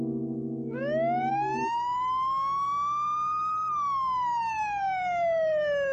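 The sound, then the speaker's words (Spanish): A police car siren wails loudly just outside, its tone rising slowly in one long sweep, then falling, after a low engine rumble fades out at the start, as the policeman gets out of his car. No one speaks. “Están justo afuera. El polizonte está saliendo de su carro.”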